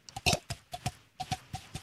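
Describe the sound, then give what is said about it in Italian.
A mouth-made imitation of horse hooves, demonstrated in a lesson on making sound effects: crisp, hollow clicks in quick pairs, trotting in an even clip-clop rhythm, fairly loud, with no talking. “Il cavallo.”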